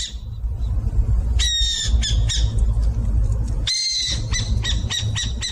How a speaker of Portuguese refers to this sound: Quem disse que é a coruja buraqueira acertou. A coruja buraqueira tem cerca de 25 centímetros. O seu nome científico é Atene cunicularia e pertence à família Strigidae.